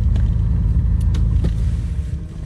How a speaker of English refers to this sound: Back in the plane, King lands.